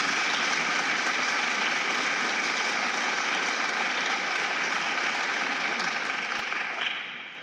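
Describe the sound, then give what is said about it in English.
A large audience claps in a steady, dense round of applause that holds strong for several seconds before tapering off at the end, with no one talking over it. “round of applause.”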